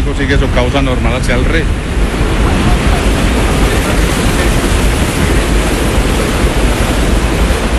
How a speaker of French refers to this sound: Une fois utilisée, l'eau doit être évacuée. Après être passée dans la turbine, elle arrive ici, dans ce bassin de sortie qu'on appelle l'Almenara. Et de là, elle repart naturellement vers la rivière.